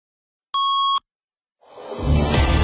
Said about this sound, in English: You're listening to All News Weekend Mornings on 570 News Radio. At the single tone, the time will be 8 o'clock.